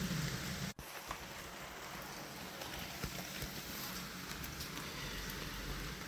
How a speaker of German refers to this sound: Und jetzt geht es weiter mit Regengeräuschen von meiner Fensterbank.